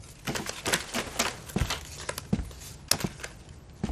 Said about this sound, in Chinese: 洗牌，洗牌。 哎，你洗这个。 好嘞， 这是我洗。